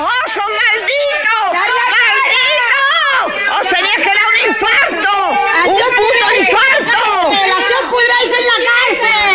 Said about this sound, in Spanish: Así gritaban esta mañana los vecinos de Hornachos, gritos con los que una localidad llena de dolor e indignación recibía a los dos hermanos detenidos por el asesinato de Francisca Cadenas,